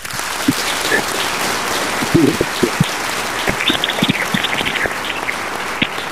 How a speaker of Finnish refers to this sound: Täältähän totta kai aplodit annetaan.